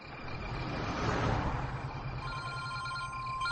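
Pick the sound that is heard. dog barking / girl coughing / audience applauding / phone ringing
phone ringing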